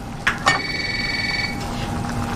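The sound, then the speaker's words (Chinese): A telephone rings once with a steady electronic trill lasting about a second, preceded by two short clicks, heard over a continuous low background hum with no one talking, at home during Chinese New Year. “去接电话啊！”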